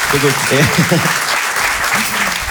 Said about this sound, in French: Un applaudissement.